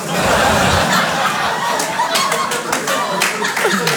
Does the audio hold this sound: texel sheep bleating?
no